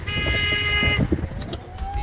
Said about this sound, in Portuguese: Aquela buzinada gostosa, vai.